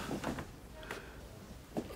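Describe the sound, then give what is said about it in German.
A door being closed, heard as a few soft clicks and knocks ending in a quiet thump, set against a low, steady background hum. “Mach dir die Tür zu, danke.”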